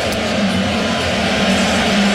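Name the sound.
stadium crowd booing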